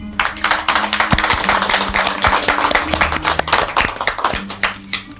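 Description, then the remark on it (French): Many people applaud loudly and steadily, a dense patter of many hands clapping at once that carries on for several seconds without pause. “On l'applaudit très fort.”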